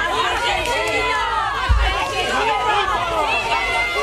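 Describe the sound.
An angry crowd of Hornachos residents shouts "asesino" (murderer) at a Guardia Civil van holding detained men, many raised voices overlapping into a loud, continuous clamor, with a single heavy thump of a blow on the van cutting through partway.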